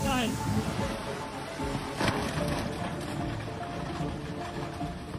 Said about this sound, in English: On the night of July 14, 2021, endless rain turned this stream into a massive flood. No one's going to believe that. It's all breaking through.